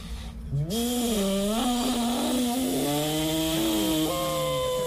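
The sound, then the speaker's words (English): A person imitates a jet boat with their voice in a contest to sound the most realistic, making a loud, buzzy, droning whine that holds for several seconds, its pitch rising, dipping and sliding like a revving engine. “All right, so we're making jet boat noises.”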